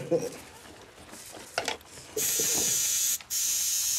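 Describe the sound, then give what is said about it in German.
A tattoo machine, used to tattoo a club logo onto someone's skin, switches on and runs with a steady, loud, high-pitched mechanical buzz, cutting out for a split second before resuming. Faint clicks and rustling come before it starts. “Das Vereinslogo für immer auf der eigenen Haut tragen zu dürfen, ist eine große Ehre.”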